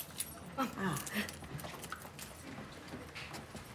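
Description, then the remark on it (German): A key scrapes and clicks as it is tried in the lock of a room door, with several short metallic rattles and jangles in quick succession, while faint voices murmur. “Ach, nee, wir haben, passt der Schlüssel auch da?”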